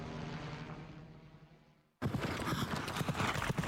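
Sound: horse hooves clip-clopping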